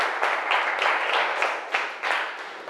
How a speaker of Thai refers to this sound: ปรบมือให้เพื่อนกลุ่มนี้หน่อยลูกเก่งมาก